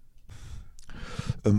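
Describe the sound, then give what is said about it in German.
Quiet sipping of coffee from a cup: a soft airy slurp and a couple of small gulps, then a breathy exhale ending in a short, satisfied voiced sound. “Dafür trinke ich erstmal einen Schluck Kaffee.”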